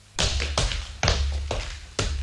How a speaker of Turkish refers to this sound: Arkamdan doğru hızla yaklaşan sert ayak sesleri.